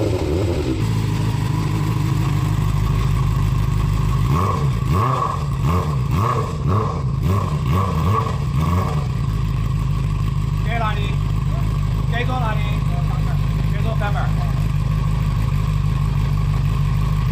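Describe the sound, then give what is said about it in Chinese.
A loud motorcycle, illegally modified with an added exhaust valve, revs hard in a series of rapid throttle bursts and then settles into a deep idle while people talk over it. This is during a traffic police check on Jiangyuan South Road in Chongzhou, Chengdu, China. “巡查期间，民警在崇州江源南路又连续查获两辆私自加装排气阀门的改装摩托车。”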